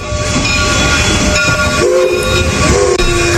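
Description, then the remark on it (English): A train rumbles steadily along the tracks, loud, with a continuous mechanical roar and a brief horn-like tone sounding partway through. No one speaks. “Moving through the hills and moving through the valleys, the train is jam-packed.”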